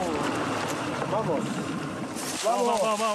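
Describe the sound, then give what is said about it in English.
A small boat moves across lake water among the Uros reed islands with a steady rushing wash of water and wind, while voices murmur intermittently. “I get on the boat.”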